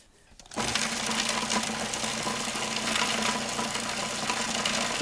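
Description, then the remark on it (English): A food processor starts up after a brief quiet moment and runs steadily, a loud, even motor whir with a buzzing hum underneath as it finely chops herbs, including about a third of a cup of basil, without pureeing them. “We are not pureeing. We I are see that. finely chopping.”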